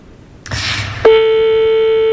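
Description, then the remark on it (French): A telephone line sound as a call is placed: a half-second burst of hissy noise, then a loud, steady mid-pitched tone that holds unbroken to the end. No voices. “Écoutez, appréciez, on fait sonner.”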